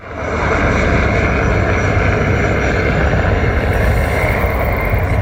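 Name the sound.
airplanes flying overhead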